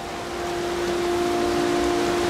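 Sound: heavy rain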